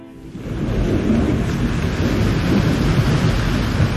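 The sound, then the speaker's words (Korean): Heavy rain pours down in a steady, dense roar, with a deep low rumble of thunder rolling underneath; it holds loud and constant throughout, with no voices. “하, 비 한번 줄기차게 오는구만.”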